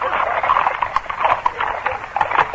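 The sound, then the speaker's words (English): Horses' hooves clip-clop on a hard road in a steady, quick rhythm, the sharp repeated strikes moderately loud over a continuous hiss of background noise. “A moment later, the carriages were abreast of the post house, and the four men assigned to stop them spurred their horses into the middle of the road.”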